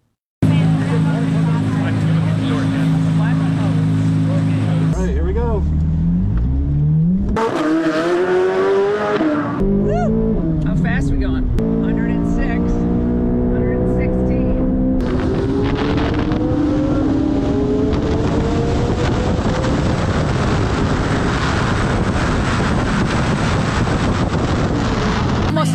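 A Corvette sports car engine roars around a race track, revving up and down in rising pitch sweeps, loud, with steady wind buffeting the microphone throughout.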